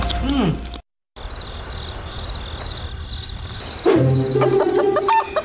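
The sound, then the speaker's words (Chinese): Chickens cluck outdoors against a steady drone of chirping insects, with a short silent gap early on and a burst of louder clucking calls in the second half. “鸡不错，鹅也不错，孔雀不能吃哦。”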